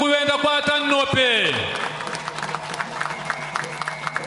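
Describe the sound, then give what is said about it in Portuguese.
An audience breaks into sustained applause at a government event bringing water to a community, many hands clapping in a dense, crackling patter. A few sharp claps and a high, harmonic tone sliding downward in pitch come just before it. “Por isso queremos pedir uma grande salva de palmas.”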